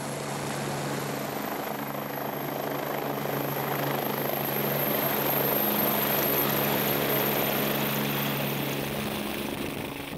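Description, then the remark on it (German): A helicopter flies with a steady, loud rotor and engine drone, a constant whirring roar that holds throughout with no one speaking, as avalanche rescue dogs are trained to get used to helicopter flights. “Die Lawinenhunde müssen sich an Heliflüge gewöhnen, denn bei Rettungen ist der Hubschrauber oft das einzige Fortbewegungsmittel, um in schwer erreichbare Einsatzgebiete zu gelangen.”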